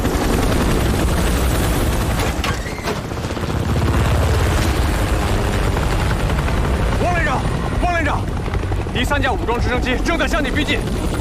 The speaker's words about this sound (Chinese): 报告，雷达发现两架，不，三架直升机正沿国道逼近。 还有多远？ 他们刚才一直故意规避雷达，突然冒出头来。还有不到2公里。